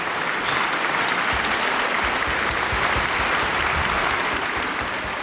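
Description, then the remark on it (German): Sustained audience applause after a performance of Telemann's Völkerouvertüre (Les Nations Anciennes et Modernes) by Concerto Copenhagen under Lars Ulrik Mortensen: dense, steady clapping from many hands at a loud, even level throughout, with no music or talking audible. “Ah, Applaus.”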